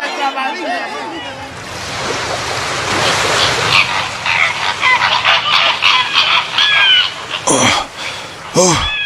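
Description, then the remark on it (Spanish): A flock of flamingos calls in flight, honking in a dense, overlapping chorus, loud, over a steady rushing noise, with a few sharp, rising cries standing out near the end. “El general, cuando se despertó, vio unas pariguanas volando.”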